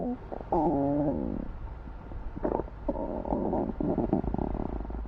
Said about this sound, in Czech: Jasně, ušounovi kručí v břiše.